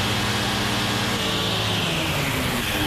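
A steady, loud engine roar with a broad rushing hiss and low droning hum, an aircraft engine being slowly throttled up for takeoff, its power controlled by a throttle valve, continuous with no voices.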